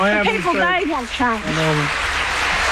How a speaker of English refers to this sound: So she certainly got a round of applause from the crowd